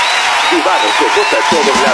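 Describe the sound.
Loud, dense applause from a crowd fills the whole two seconds, a steady wash of clapping with voices cheering and calling out beneath it.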